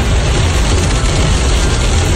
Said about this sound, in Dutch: Het regent keihard.